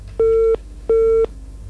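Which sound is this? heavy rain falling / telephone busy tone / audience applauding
telephone busy tone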